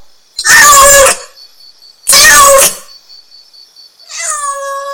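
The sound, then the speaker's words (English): A cat meows three times, two loud, harsh calls about a second apart, then a softer, more tonal meow, with a faint steady high-pitched tone lingering in the gaps. “What is the name of this animal? This is cat.”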